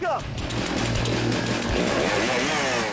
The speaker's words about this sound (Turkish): Sıradaki etkinlik stok testere. Stok testere etkinliğinde yarışmacılar 10 santimetre aşağıya doğru kesip geriye yukarı çıkıyorlar.